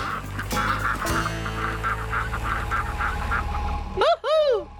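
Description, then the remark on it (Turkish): Ducks on a farm give alarm quacks in a steady, rapid chatter over a busy background, then two loud, drawn-out quacks rise and fall in pitch at the very end. “Çünkü bu çiftlikte bırakmak istediğim son şey alarm vaklaması.”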